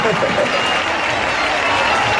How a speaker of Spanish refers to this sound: Y quiero que le demos un fuerte aplauso porque eso no se hace todos los días. ¡Ole!